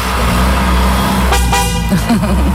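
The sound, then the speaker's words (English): A BMW Z4 convertible with its top down, carrying two men in sunshine, rumbles steadily as it pulls away, and a short, bright horn toot rings out partway through, followed by a faint second beep. “getting in a BMW Z4. You see the sunshine off their heads. Convertible.”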